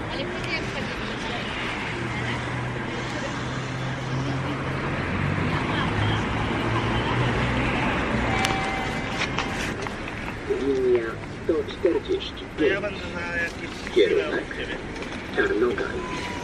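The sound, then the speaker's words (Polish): An outdoor automated voice announcement plays from a city bus's external speaker at a bus stop in Wrocław, Poland, calling out its route and number over an idling engine rumble and street noise, as light rain begins to fall. “Autobus mówi nam, gdzie jedzie i jaki to jest numer.”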